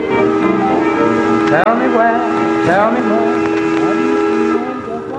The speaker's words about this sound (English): An old train sounding its horn on Radio Phrenia.